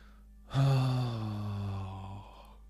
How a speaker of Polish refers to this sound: Dobra, kochani, ziewam już, a jeszcze jutro mam naprawdę dużo roboty.